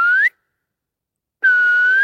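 Two clear, loud whistled notes in a pine forest among patches of snow, echoed back by the forest, with a silent pause of about a second between them. The first is short and slides upward at its end; the second is held steady before rising slightly.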